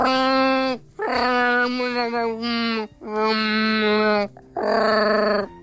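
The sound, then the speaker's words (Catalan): A person imitates the bark of a Mallorcan shepherd dog (ca de bestiar), loud, with four drawn-out, whining bark-howls separated by brief pauses. “I així com un ca de bestiar mallorquí lladra així”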